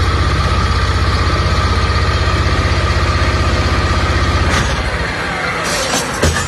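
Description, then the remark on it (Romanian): Excavators and other heavy machinery on the bank of the Danube rumble loudly with a steady, throbbing diesel drone as they load the fourth of several barges to be sunk. The engine note then shifts and eases as a few sharp clanks ring out near the end. No one speaks. “Cu ajutorul excavatoarelor și utilajelor care au fost aduse aici pe malul Dunării special pentru această operațiune, vedem cum este încărcată și cea de-a patra barjă.”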